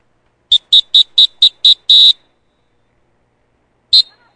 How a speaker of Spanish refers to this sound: Si estás en las playas de Acapulco y escuchas este silbato, ponte alerta, es un aviso de los guardavidas.